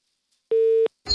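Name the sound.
telephone busy tone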